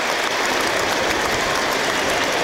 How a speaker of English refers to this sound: So applause ring out around the ground for those no longer with us in a mark of respect.